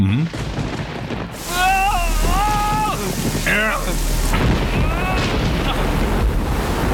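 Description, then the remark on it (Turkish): Steady, heavy rain pours down with deep thunder rumbling throughout, a loud, dense storm that fills the whole scene while voices call out briefly over the downpour. “Daha ne kadar sıkı tutabilirim ki? Bu fırtına sürdükçe.”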